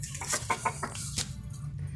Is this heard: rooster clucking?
yes